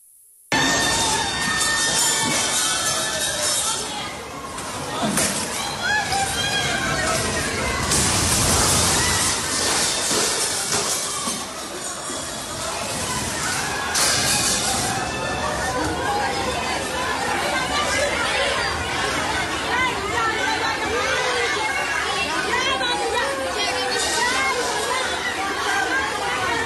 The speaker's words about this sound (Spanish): Son los gritos desesperados de un hospital